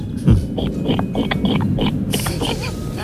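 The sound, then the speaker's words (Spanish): A person imitates a pig with a run of rough, nasal grunts and snorts, fairly loud, followed by a brief breathy squeal near the end. “Bueno, pues yo sé imitar a la gallina y al cerdo.”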